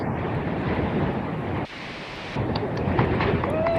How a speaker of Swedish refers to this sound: Blåsigt Hönö i skärgården. Ja, tror jag telefonen landade i en klippskreva. Kanske det. Där ligger vi så gott så. Lite lugnare där. Ska vi se om vi hör något då. Jag har mest blåst.